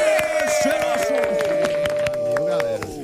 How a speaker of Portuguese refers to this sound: Muitas palmas e gritos histéricos